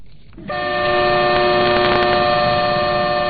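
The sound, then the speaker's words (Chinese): A train sounds a long, steady horn blast that starts abruptly and holds loud over a low rumbling background, with faint clanks above it as the freight train slowly moves off. It is a Zhejiang China-Europe Railway Express train loaded with daily goods, auto parts and machinery, leaving Yiwu West railway station, bound for Russia via Manzhouli. “在义乌铁路西站，一辆满载日用百货、汽车配件、机械设备等货物的浙江中欧班列一西工缓缓驶出，经满洲里口岸出境，驶向俄罗斯。”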